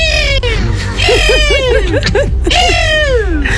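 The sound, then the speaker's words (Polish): A person imitates a bird call loudly: a long wavering squeal, then a quick run of five or six short chirps, ending with another drawn-out descending cry. “Dzisiaj zamienialiście się w ptaka.”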